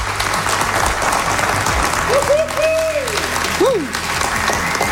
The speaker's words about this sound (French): On va se repartir une petite ronde d'applaudissements pour montrer qu'il y a du monde dans la salle.